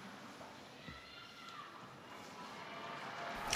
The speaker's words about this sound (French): Voilà des applaudissements donc de ces fidèles et pèlerins venus pour la prière du Regina Coeli, présidée par le pape Léon XIV en ce dimanche 3 mai, le Saint-Père qui va maintenant s'adresser à tous.